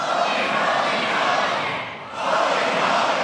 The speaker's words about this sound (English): Holy, holy, holy. Come now. Louder. Louder. Louder. Scream!